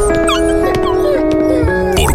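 A dog whimpers in a series of high, wavering whines that slide up and down in pitch, fairly loud and continuous over steady background tones.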